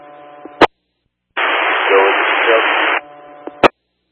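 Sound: unreadable radio transmission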